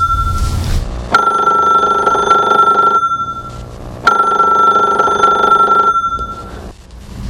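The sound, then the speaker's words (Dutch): A telephone rings twice with a steady electronic trill, each long ring separated by a short pause, loud with no voices. “Oh, maar er is wel telefoon.”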